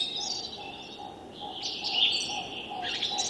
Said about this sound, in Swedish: Men vad vi hör, det är framförallt taltrassen som sitter närmast. Vi har en rödvingetrass på lite håll, rödhake. Det är en talgoxe.